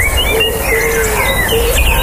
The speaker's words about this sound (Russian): А это парк.